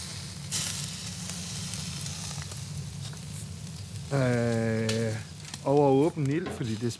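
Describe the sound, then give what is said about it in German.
Local ingredients (salmon from the fjord, pointed cabbage with wild garlic and beef from Livø cattle, Denmark) sizzle and crackle steadily over an open fire, a constant hissing bed of sound, while a voice speaks briefly over it toward the end. “Auf das Feuer kommen heute ausschließlich lokale Zutaten.”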